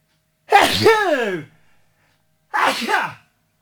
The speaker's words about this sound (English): That's the Hangover Cure sneeze version.